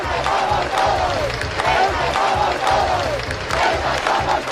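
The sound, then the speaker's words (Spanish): A large crowd at a rally over Ceuta in Castilla-La Mancha, Spain, shouts together in loud, rhythmic chants against the government, voices rising and falling in repeated bursts with a steady roar underneath, like demonstrators yelling slogans in unison. “También se han escuchado gritos contra el gobierno en lugares como Toledo.”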